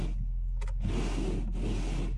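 A car's windscreen wipers scrape across a frosted, icy windscreen on a frosty morning in two consecutive rasping strokes, fairly loud, over a low engine hum, with a brief squeak just before the first sweep.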